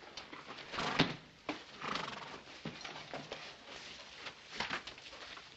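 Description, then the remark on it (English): A horse whinnies while hooves clop in an uneven rhythm, with bursts of snorting and shuffling over a faint, low background. No one speaks. “Take care of your horse?”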